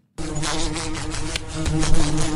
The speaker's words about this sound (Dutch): Dit is het geluid dat we kennen van de wesp die zo tegen het raam of tegen een lamp botst. Ja. Is dat niet het universele geluid dat van de wesp?